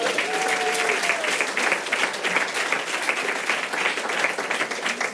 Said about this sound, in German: Ein Applaus für den Mann hier vorne, bitte.